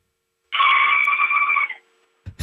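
A woman lets out a single loud, high-pitched scream, held steadily for just over a second before cutting off, followed by silence and a brief thump at the end.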